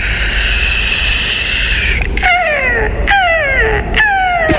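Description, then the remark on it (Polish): A seagull cries out in a series of loud, harsh calls that slide downward in pitch, three or four in quick succession, following a steady whining tone at the start. “To jest mewa zamknięta. Chłodni.”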